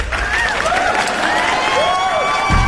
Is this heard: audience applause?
yes